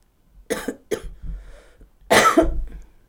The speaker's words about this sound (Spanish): El sonido que sacamos con la tos... A ver, tose.